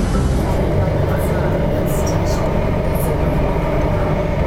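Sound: metro train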